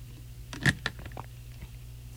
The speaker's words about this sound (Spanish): Nomás necesito tomar un poquito de agua para que, ya ven, después tenemos aquí dificultades técnicas con la voz.